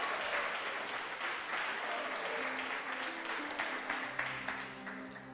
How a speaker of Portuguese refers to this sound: Recebamos o servo de Deus com palmas bem alegre para Jesus.